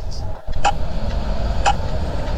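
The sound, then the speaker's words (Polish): A pedestrian crossing signal with a push button in Vienna, Austria, clicks twice while the light is red, about a second apart, with sharp regular ticks over a steady low rumble of street traffic outdoors. “Pauzę, pauzę. Takie standardowe klikanie.”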